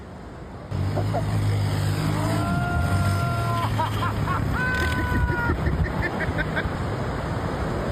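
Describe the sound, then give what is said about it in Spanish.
Jet ski engines, ridden by suspected smugglers at Imperial Beach in San Diego County, drone steadily over constant wind and sea water wash, loud, with a couple of brief higher whining tones rising above the motor noise. “Presuntos traficantes llegaron en motos acuáticas a Imperial Beach y dejaron a 2 migrantes en la playa antes de escapar mar adentro.”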